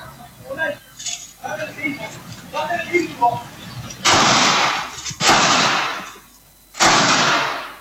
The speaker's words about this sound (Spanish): esta vez un ataque a balazos contra una casa, pero yo antes de seguir hablando de este tema quiero que ustedes vean, porque quien ataca va en bicicleta, pero además que vean y que escuchen cómo fue este ataque a balazos.